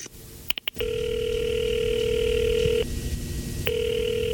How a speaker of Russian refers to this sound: Потом решительно прошагал к своему письменному столу, сел в кресло, поднял трубку телефона прямой связи на Старой площади, набрал номер.